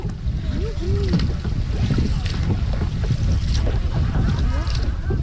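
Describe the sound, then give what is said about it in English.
A small, home-built boat moves steadily across the water on its first time out, with a constant low rumble and wash, gusts of wind buffeting the microphone, and faint indistinct voices. “And it was just a joy, the experience of being on the water, the experience of building a boat for a whole year.”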